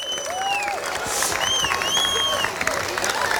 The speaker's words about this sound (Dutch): En ik heb twee ras-entertainers heb ik bereid gevonden om ons te helpen om de prijzen uit te reiken. Dus mag ik een applaus voor Sofiani Touzani en voor Koen Sitoen.